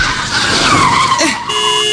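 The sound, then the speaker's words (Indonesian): Car tires skid and squeal under hard braking, a sustained, loud screech lasting nearly two seconds with a wavering pitch that fades into a steady hum at the end. “Dibilang rem, bukan gas. Fokus dong.”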